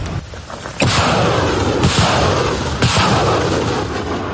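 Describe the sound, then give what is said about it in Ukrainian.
Three powerful launches from a Grad rocket launcher boom out about a second apart as 93rd Brigade artillerymen fire ranging shots from a firing position. Each launch is followed by a loud, sustained roaring rush that fills the scene, with no voices. “Це пристрілочні постріли.”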